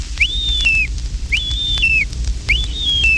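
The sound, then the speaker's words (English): Three clear, high wigeon hail-call whistles, each a drawn-out rising-then-falling note, repeated at an even pace about a second apart over a low, steady background rumble. “Here's the hail call of the Weegean.”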